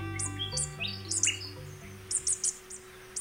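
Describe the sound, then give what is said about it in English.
High, bright bird song from what sounds like a superb fairy-wren in Australia: quick chirping trills in short bursts, clear, over a low, steady sustained drone. “By singing, superb fairy wrens in Australia teach their embryonic chicks a secret code.”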